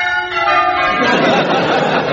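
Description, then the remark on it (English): Church bells ring out loudly and continuously, their overlapping metallic tones blending into a rich, sustained clang that fills the space. “But just listen to those bells. Aren't they magnificent?”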